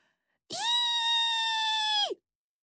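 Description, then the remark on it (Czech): A single loud, high-pitched shriek holds a steady piercing tone for about a second and a half, then drops sharply at the end, standing alone against silence: a little Martian shrieking into the ear of the story character Pepík. “Zaječelo to Pepíkovi u ucha.”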